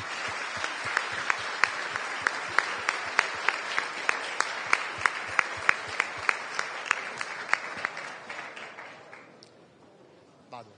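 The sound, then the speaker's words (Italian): An audience bursts into sustained applause for a prize recipient, dense clapping with sharp individual claps standing out in a steady rhythm, loud at first and then fading out over the last few seconds. “Facciamogli un applauso.”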